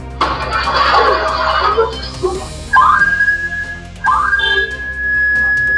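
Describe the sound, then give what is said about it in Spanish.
A house security alarm, set off as burglars broke into a home in San Pedro de la Paz, sounds a steady, piercing high-pitched tone, cutting in twice and then holding, after a few seconds of rough, rushing noise at the start. “Fue este el sonido que evitó que los delincuentes revisaran la casa completamente. Una alarma de la vivienda que era víctima de al menos tres sujetos encapuchados que treparon la reja, quebraron la ventana e ingresaron con total descaro.”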